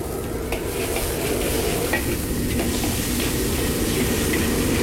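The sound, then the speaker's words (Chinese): Twenty grams of red-oil chili bean paste stir-frying in a wok until fragrant: a steady sizzle with occasional scraping clicks of a spatula against the pan, continuous throughout with no voices. “三分钟之后加入红油豆瓣酱二十克炒香。”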